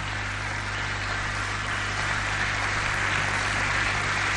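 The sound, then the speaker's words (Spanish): An audience applauds the Lord loudly and steadily, a dense wash of applause with no pauses, growing slightly stronger toward the end, with a faint low hum underneath. “Denle un aplauso al Señor. Apláudele fuerte al que vive.”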